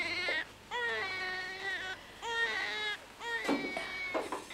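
newborn baby crying

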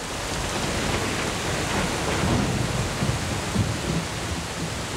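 thunderstorm with heavy rain

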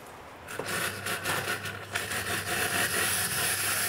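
coffee machine hissing steam

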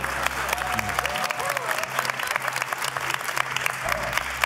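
studio audience clapping

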